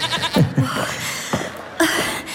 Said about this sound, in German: Ich glaube, da kommt sie schon. Ja, man hört das Meckern der Ziege.